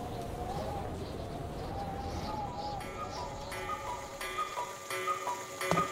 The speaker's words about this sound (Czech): Když kukačky ohlásily 12, babička začala vyhlížet dědu, protože měla oběd na plotně.